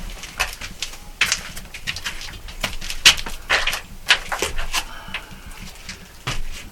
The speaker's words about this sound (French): Là, tout est vieux, usé, et c'est un vieux pigeonnier. On a juste fermé la mini-vitre pour pas que les pigeons nous rentrent, parce que ça se gère plus aujourd'hui.